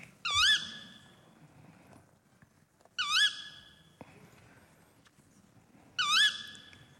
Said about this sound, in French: Ça vous fait penser à quoi ? Un oiseau nocturne. Une chouette. Ouais, le petit duc. Le grand duc. Chevêche. On va tous les faire. Hulotte. Ouais, c'est la hulotte.